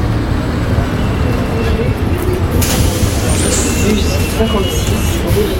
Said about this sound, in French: Ah, voilà le bus.